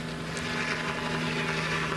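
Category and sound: vehicle, helicopters flying overhead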